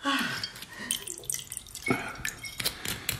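Liqueur is poured into a glass, a short trickling splash broken by a few bright drips and clinks, with no one speaking.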